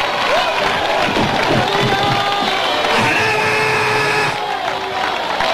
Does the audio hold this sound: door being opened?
no